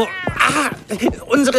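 A white cat meows three times in quick succession, fairly loud, each call a short, whiny, rising-and-falling cry with little pause between them.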